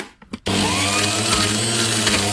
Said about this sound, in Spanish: Ya sé. Ay, ya sé. Yo dije primero. La licuadora. ¡Exacto! ¡Licuadora!